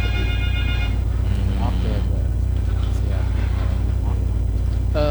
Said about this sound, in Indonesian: Bang, seperti sudah ada telepon yang masuk di sana, boleh kita angkat ya.